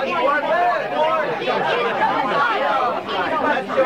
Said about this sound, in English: The crowd's getting in a nasty mood.